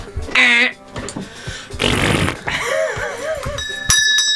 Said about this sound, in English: Oh, do you want us to all try our buzzers first? Yes, try buzzers, please.